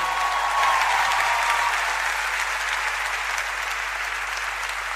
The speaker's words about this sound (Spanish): Fuerte el aplauso para Nario Recoba en el bandoneón.